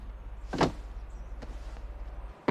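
A broken door handle on a house door is jiggled but the door won't open, giving a solid clunk followed by a softer knock and a final click, with a steady low hum in the background and no talking.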